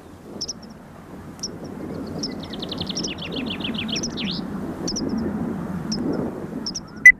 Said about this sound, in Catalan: Titella, Anthus pratensis. És una au hivernant que trobareu d'octubre a abril a les zones de conreu i de camp obert.